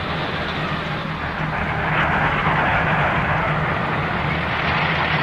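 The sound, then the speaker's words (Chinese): A formation of domestically built jet aircraft flies overhead: a steady, powerful roar of jet engines fills the air, a broad rushing noise that swells slightly midway and holds loud and continuous, with no voices. “划破成空的喷气式机群也是我国制造的。”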